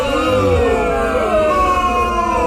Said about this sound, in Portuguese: Uma vaia feia, né? Essa vaia é muito ridícula, essa vaia feia. Porque vaia não é coisa boa, né? Mas essa daí... É. Essa vaia aí, meu irmão, é uma vaia, parece que a galera tá com má vontade pra dar vaia.